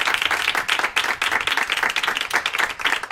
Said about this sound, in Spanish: Muchas gracias a ti, Alberto. Un aplauso para Alberto Ginés.